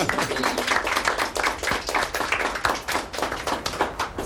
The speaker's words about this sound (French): Merci, vous pouvez vous applaudir.